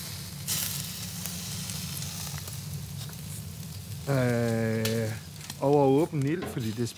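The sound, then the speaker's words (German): Steady crackling sizzle of local ingredients (fjord salmon, pointed cabbage with wild garlic, and beef from Livö cattle) cooking over an open fire in Denmark, continuous, with a few short bursts of a voice speaking over it toward the end. “Auf das Feuer kommen heute ausschließlich lokale Zutaten.”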